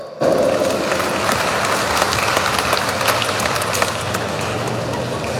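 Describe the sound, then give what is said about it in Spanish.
A crowd in the municipality of Shinaota, in the tropics of Cochabamba, applauds steadily, a dense wash of many hands clapping that holds at an even, loud level throughout with a few sharper claps standing out. “Vamos a recibirlo con un fuerte voto de aplausos.”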